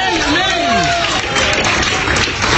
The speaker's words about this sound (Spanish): Como que ese aplauso no se oye muy bien, ¿verdad?